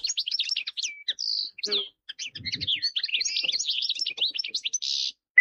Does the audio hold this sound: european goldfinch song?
yes